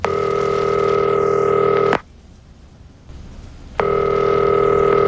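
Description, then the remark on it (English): A telephone ringback tone purrs steadily for about two seconds, falls silent for nearly two, then starts again, ringing on with no one picking up. No voices are heard. “When I did call, Mama didn't answer.”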